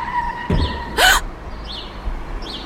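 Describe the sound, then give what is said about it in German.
A car's brakes squeal in a steady high whine as a dog suddenly appears in front of it, cut by a dull thump as the car hits the dog and then a sharp, loud cry-like burst that drops in pitch. Afterward only faint chirps sound. “Sie haben den Hund angefahren.”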